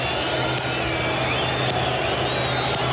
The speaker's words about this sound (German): Dieses stete, monotone, in die Hände klatschen des Torwarts von Paraguay beim Elfmeterschießen. Wie im Horrorfilm, wie er da einfach nur steht und in die Hände klatscht.